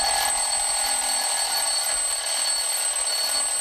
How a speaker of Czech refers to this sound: Tak, tenhle zvuk s kamarády moc dobře známe. Tak pozor, 3, 2, 1, budík, jo?